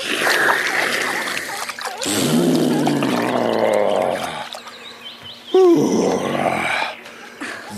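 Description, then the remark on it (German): Water gushes and splatters in two strong bursts as an animal sucks water into its trunk and pours it over its back, between deep snorting and groaning animal noises, fairly loud. “Und noch ein Schlückchen in den Rüssel und dann über den Rücken gießen.”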